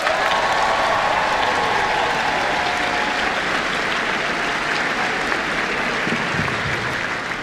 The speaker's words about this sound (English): And our special thanks to RNZ Concert. We love you, RNZ Concert, for partnering with us to supply the audio for the live stream of the Big Sing finale, brought to you by JX Live and the Freeman's Foundation. Another round of applause, everyone.